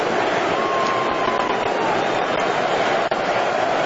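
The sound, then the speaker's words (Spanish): A stadium crowd in Miami gives a sustained ovation as England's Jude Bellingham leaves the pitch. It is a dense, steady roar of cheering and applause that holds at full strength throughout, broken only by one brief dip near the end. “Así despide Miami a Jude Bellingham. Con esta ovación.”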